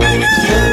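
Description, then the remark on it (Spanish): A rooster crows loudly, one brief, strained call with a harmonic, rasping tone that fills the short moment. “Antes de que el gallo cante”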